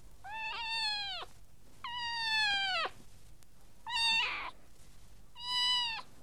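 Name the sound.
cat meowing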